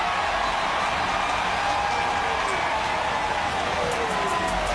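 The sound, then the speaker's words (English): A large stadium crowd at a football game cheers in a steady, dense roar that stays at an even level throughout, with no single voice standing out, as Washington players point after a pile-up at the goal line. “Washington pointing, the crowd cheering.”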